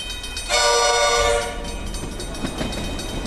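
A train horn blares loudly for about a second, a steady harmonic blast over rumbling rail noise, then fades back into the continuous clatter of a passing train.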